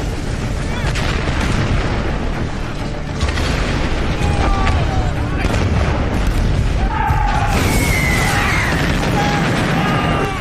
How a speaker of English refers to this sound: Three and a half million German shells are fired in just 5 hours.